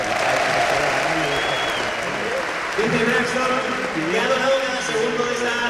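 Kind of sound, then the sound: crowd, audience applause and ovation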